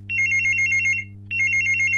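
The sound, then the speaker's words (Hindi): A telephone rings in two warbling bursts, each about a second long with a short gap between, clear over a steady low hum, with no voices, as a listener's call connects to the Hello Friends segment of Akashvani Bareilly radio. “और अब फिर से आपको लिए चलते हैं सेगमेंट हेलो फ्रेंड्स की ओर, और देखते हैं कि ये कॉल हमारे किस श्रोता की लगी है।”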